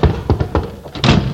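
A stuck house door off a porch is shoved and rattled: four or five dull thunks in quick, uneven succession, ending in a heavier, longer bang as it gives way. Fairly loud, with no talking.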